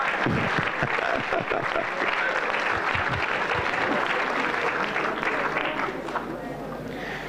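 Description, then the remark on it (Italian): Sustained audience applause, a dense steady patter of many hands clapping, tapering slightly toward the end, with a few voices mixed into the crowd noise. “Facciamo un applauso”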